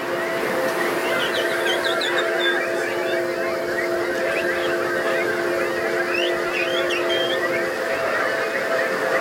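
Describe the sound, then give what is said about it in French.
A large crowd imitates birds all at once, a dense, continuous jumble of whistles, chirps, squawks and honking calls, loud and sustained throughout with no pauses. “Tous les oiseaux sont acceptés. J'en entends des bizarres par ici, mais n'ayez pas peur, vraiment.”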